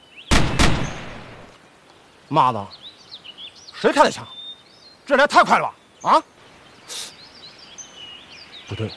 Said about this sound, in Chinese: 妈的，谁开的枪？这也来太快了吧！啊？ 不对，枪声在西面。